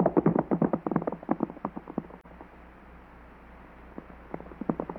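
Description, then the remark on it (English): Horses with riders chasing another rider gallop with rapid, clattering clip-clop hoofbeats, loud for the first two seconds, then dropping to a faint rumble before a few hoofbeats return near the end. “His horse must be fresh, and ours are tired. We can't seem to gain on him.”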